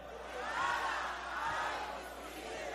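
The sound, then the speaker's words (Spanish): A crowd shouts together in unison, on a count of three, the phrase "Porque nada hay imposible para Dios", a loud sustained chorus of many voices rising and swelling over a few seconds, with no individual speaker standing out. “Voy a contar tres y usted lo va a gritar a todo pulmón.”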